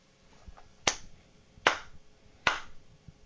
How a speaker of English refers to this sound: I started the slow clap.